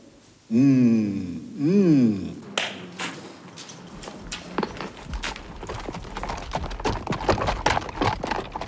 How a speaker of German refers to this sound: Jetzt ging's los. Die 5 italienischen Pferde mit ihren Säumern aus Tricesimo und die Pinzgauer Sama machten sich auf den weiten Weg.